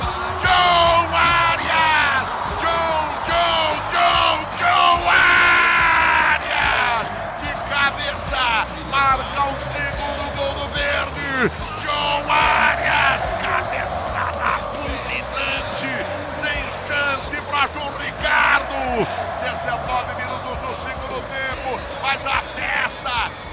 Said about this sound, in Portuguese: Puxa o pino de emoção, explode de alegria a torcida do Palmeiras, de Arias. Arias vai na rede pro Verdão, essa já foi, João Ricardo, já era, João Ricardo tá lá dentro, brilha, brilha, brilha, brilha demais, brilha muito, Arias, gol golaço